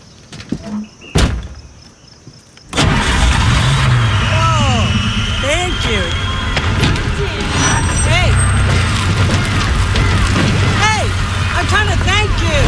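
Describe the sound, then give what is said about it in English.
After a brief quiet stretch and a single click, a car engine, just fixed with a toolkit under the open hood, abruptly catches and roars to life, then settles into a steady, loud running rumble that continues to the end. “Try the engine.”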